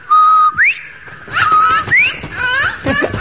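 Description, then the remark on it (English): A parrot whistles a string of bright, warbling notes, with quick upward-sliding chirps and steady held tones in short bursts over about three seconds, fairly loud and with no talking. “I say, that's a jolly-looking parrot.”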